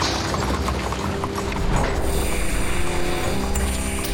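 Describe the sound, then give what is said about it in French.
Horse hooves clip-clop as horses haul loads on a construction site worked without machines, amid a dense, loud backdrop of rumbling and steady mechanical droning that continues throughout, with no voices. “Oui, pardon, bien sûr, à la force des chevaux aussi.”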